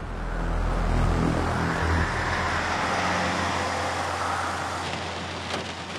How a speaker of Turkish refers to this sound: Çocuklar, yağmur çok şiddetli yağıyor. Biraz tedirgin olmaya başladım. Bence işi durduralım. Fırtınanın geçmesini bekleyelim.